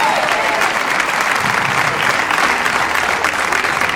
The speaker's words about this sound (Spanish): Póngase en pie y dele un aplauso al Rey de Reyes.